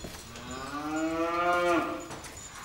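A single long cow moo in a barn rises and swells, then tapers off, fairly loud with a slightly reverberant feel. No one speaks.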